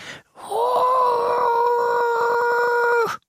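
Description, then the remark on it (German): A voice imitates the very quiet roar of a tiny lake monster no bigger than a frog: one thin, high, drawn-out howl held steadily for about three seconds, fairly loud, then cut off. “Und wenn es brüllt, tut es das sehr leise. Ungefähr so.”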